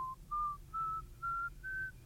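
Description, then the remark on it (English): A person whistles a short tune of five clear, sustained notes, each a little higher than the last, evenly spaced, with no talking. “So that walking down the street, someone would listen to you, and they'd say, there's a special whistler.”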